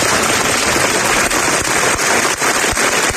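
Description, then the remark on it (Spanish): Sustained applause from a large crowd of citizens as the coffins of two Guardia Civil officers arrive for their funeral at the Iglesia de la Concepción in Huelva: a dense, steady wash of clapping with scattered sharper claps standing out, loud and continuous throughout with no voices. “Aplausos a la llegada de los féretros funerales en la iglesia de la Concepción, ante la que se reunían numerosos ciudadanos que han querido mostrar así su respeto a los fallecidos.”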